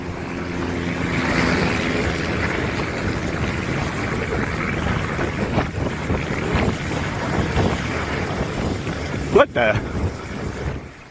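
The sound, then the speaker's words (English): A twin-engine plane with engine trouble, flown by a woman pilot in Florida, drones low over roaring wind and surf by a beach, then a sudden sharp crash-like burst near the end as it ditches into the ocean, followed by quieter wind. “A pilot in Florida was forced to crash her twin-engine plane into the ocean after experiencing engine trouble.”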